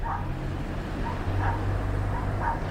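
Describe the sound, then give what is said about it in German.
Dogs belonging to Feridun Farrokhzad bark in muffled bursts from a small ground-floor flat in a white apartment block on Riemannstraße, Brüser Berg, Bonn, at dusk. About three barks come roughly a second apart over a steady low rumbling hum. No one speaks. “Doch schon seit Tagen hören die Nachbarn Hunde in einer kleinen Erdgeschosswohnung in dem weißen Apartmentblock bellen.”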